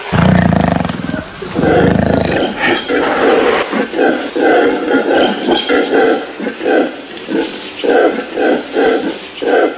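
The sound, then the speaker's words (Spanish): A troop of howler monkeys, disturbed by a wild cat, roars loudly: a deep drawn-out bellow followed by a rapid, rhythmic series of guttural pulsing calls that rise and fall together. These territorial calls carry many kilometres. “Ha molestado a un grupo de monos aulladores. Sus llamadas se oyen a muchos kilómetros de distancia.”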